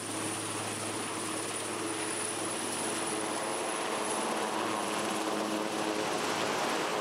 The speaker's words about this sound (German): Das Hubschrauberteam fliegt weiter. Strommasten abbauen in Papenburg. Und danach geht es in die Schweiz, Skilifte reparieren.